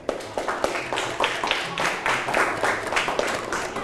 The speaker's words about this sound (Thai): ปรบมือให้กับกลุ่มที่5หน่อยค่ะ